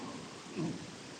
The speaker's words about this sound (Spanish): Ay, qué manera de llover.